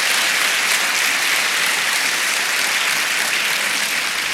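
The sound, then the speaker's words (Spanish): A church audience claps steadily for the Lord, a dense, continuous wash of many hands applauding at once, loud and sustained with no voices standing out. “Si va a aplaudir, le aplauda con gozo.”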